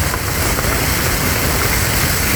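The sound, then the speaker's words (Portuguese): A loud, steady rush of churning water as a car drives through deep floodwater on the Flecheira road in the Flecheira neighbourhood of São Pedro, with constant splashing and no pauses or speech. “Parece um rio, literalmente, amor.”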